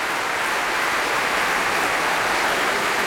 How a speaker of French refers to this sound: Pour lequel il est fortement applaudi ici par le public du Festival Radio France Occitanie Montpellier.